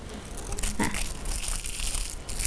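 Paper is crumpled by hand up close, giving a steady run of dry crinkling and crackling with a few sharper bursts, lasting the whole moment with no clear talking.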